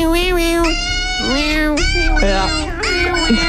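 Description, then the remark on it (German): A dog gives a string of loud, drawn-out whines that rise and fall in pitch, sounding much like a cat's meowing wail, with a few short breaks between cries. “Oh, es ist ein Hund.”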